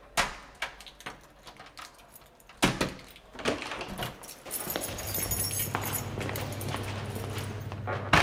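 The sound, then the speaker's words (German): Metallic clicks and jingling of keys in a lock, followed by a sharp clunk as a door to a technical or storage room is pushed open, then a steady low hum fills the space beyond. “Woher hast du die Schlüssel?”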